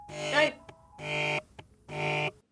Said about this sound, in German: Telefon!